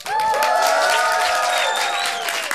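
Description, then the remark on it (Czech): A crowd of about a hundred people in a white tent at the Povaleč festival cheers and claps loudly and steadily, with high whoops and shouted voices riding over a dense wash of applause that barely fades before the end. “Tak udělejte obrovský bordel, ať jste slyšet.”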